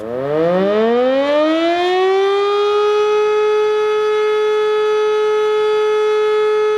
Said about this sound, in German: Jedes Jahr Anfang Oktober findet ein Zivilschutzprobealarm statt. Dabei wird die Funktionstüchtigkeit der Sirenen im Land getestet und die Bevölkerung wird an die unterschiedlichen Signale für Warnung, Alarm und Entwarnung erinnert.